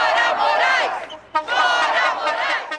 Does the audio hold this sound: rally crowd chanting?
yes